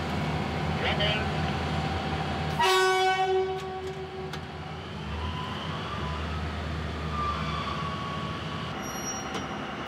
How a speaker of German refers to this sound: Angezogen wird der Arbeitszug von gleich zwei alten Dieselloks mit insgesamt 2600 PS. Zug geht los